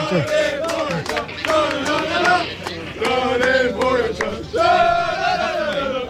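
A loud crowd of cycling fans cheers and chants without pause for Tadej Pogačar as he gives statements after finishing third in the stage, many voices overlapping in sustained shouts that swell in waves, with a brief dip before a final surge.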